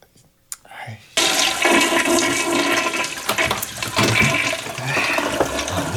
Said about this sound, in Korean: 싸지도 않았으면서 물은 왜 내리노?